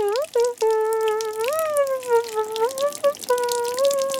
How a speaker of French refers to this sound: Il prend une douche.